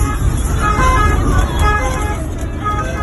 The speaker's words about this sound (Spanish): Es el sonido de esa misma noche dentro de un coche de la Guardia Civil y de una ambulancia.